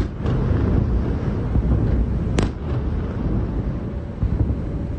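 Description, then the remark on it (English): Explosions from a Russian missile attack rumble near Kyiv, Ukraine, just before midnight, a continuous low, booming roar with one sharper crack about halfway through. No voices are heard. “Sirens sounded just before midnight and were followed quickly by a number of explosions close to Kyiv.”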